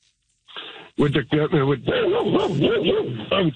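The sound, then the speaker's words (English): A dog inside a truck barks and yips in a rapid, excited string of high, whiny yelps, several in a row with pitch rising and falling, fairly loud. “Sorry about that, my dog's in the truck.”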